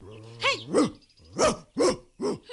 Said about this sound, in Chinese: 嘿，哮天犬，虽然你一向威猛过人，如今仲对住我张牙舞爪